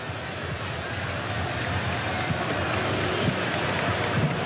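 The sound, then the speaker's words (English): A stadium crowd at a football match involving Morocco roars in a dense, steady wash of cheering that holds at an even, fairly loud level throughout, with no single sharp burst standing out. “And the crowd, you hear the big cheer from them.”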